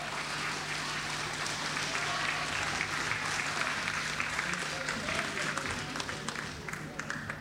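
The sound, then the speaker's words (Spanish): An audience claps steadily throughout in applause for Santiago del Estero, Argentina, a dense wash of applause that stays loud and even for several seconds, with a low hum underneath and scattered voices mixed into the noise. “Aplauso para Santiago del Estero, madre de ciudad.”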